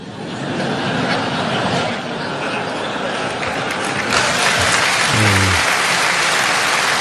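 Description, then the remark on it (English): A crowd claps steadily throughout, a dense crackling wash of applause, with a brief burst of laughter rising near the end. “Somebody hold up the applause”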